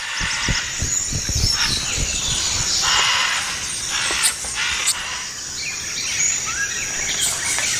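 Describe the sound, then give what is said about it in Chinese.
Harsh, raucous macaw squawks overlap in a loud, continuous chorus as dog-tailed monkeys chase the macaws away from palm fruit and take it over, with some low rustling thumps early on and a few sharper cries standing out. No one speaks. “犬尾猴很快便赶走金刚鹦鹉，霸占了棕榈果。”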